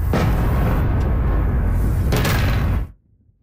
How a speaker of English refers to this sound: Explosions in the night sky over the capital. This is the sixth consecutive day of attacks from Russia.